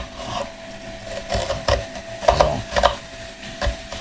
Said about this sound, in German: Ich schneide jetzt hier eine halbe Zwiebel, die Schüssel stelle ich jetzt dahin und die schneide ich jetzt quasi in Würfel. Ich schneide die erstmal längs.